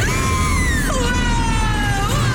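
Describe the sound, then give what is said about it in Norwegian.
A woman screams on a roller coaster, one long, loud, wavering shriek that rises and dips in pitch over a constant heavy rumble of the ride. “Og mens hun skriker av full hals i Berg-og-Dalbanen”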